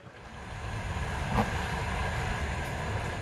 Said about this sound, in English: This train goes from the westernmost town of Lviv to as far east as it is possible and safe for it to go right now